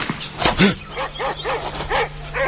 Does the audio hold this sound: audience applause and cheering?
no